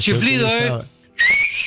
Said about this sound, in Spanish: El chiflido.